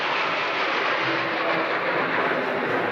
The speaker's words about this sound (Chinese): 现在飞过来的是人民空军装备的新型远程歼击机，由12架飞机编成。参加受阅的是空军歼击航空兵某师，这种飞机是世界上第三代远程重型歼击机的代表。